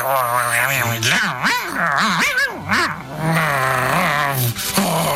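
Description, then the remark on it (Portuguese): A human voice imitates a lone wolf eating and gnawing at a horse, with continuous growly, wavering grunts and chewing-like vocal sounds, loud, without any words. “Estava ali comendo, roendo ali.”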